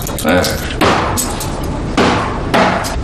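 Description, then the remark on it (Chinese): A knife chops hard on a cutting board, cutting up ten jin of hairtail fish: four loud, heavy thwacks at uneven intervals, each with a sharp attack, over a low background murmur. “那菜板跟你有仇啊？你再多把菜板剁碎了，那不是花钱买来的？”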